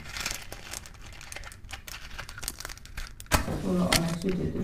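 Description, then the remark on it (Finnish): Paper is crumpled and crinkled to light a fire in a fireplace, in a steady run of sharp, irregular crackles, and in the last second or so a voice starts talking over the rustling. “Laitetaan takkaan tuli.”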